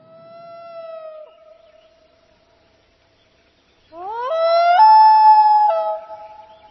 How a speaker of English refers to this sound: The loon.